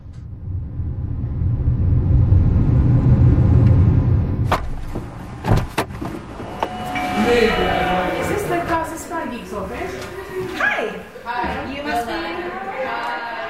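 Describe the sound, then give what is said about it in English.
A car's low engine rumble drones for a few seconds, then a couple of sharp door clunks, followed by people talking over continuing vehicle and street noise, in heavy traffic with Israeli checkpoints, arriving in Ramallah in the occupied West Bank. “It's always a bit of a struggle nowadays with the Israeli checkpoints, with heavy traffic.”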